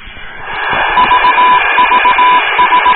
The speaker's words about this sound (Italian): Oh, questa è l'unica cosa che so riconoscere del Morse, che è il CQ.